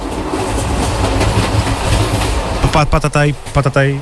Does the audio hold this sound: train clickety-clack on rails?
yes